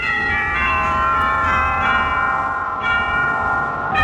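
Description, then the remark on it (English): Bell-like ringing tones from an organ imitating church bells, with rich overlapping chimes that sustain and blend at a steady, fairly loud level throughout, with no voices. “First of all, what about the church bells? They sound as though... Some very nice bells.”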